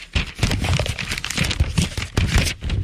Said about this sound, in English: So many papers shuffling.